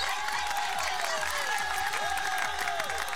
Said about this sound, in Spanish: Un aplauso, por favor, para eso. ¡Por favor!